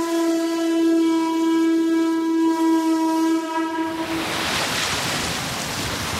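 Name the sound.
ocean waves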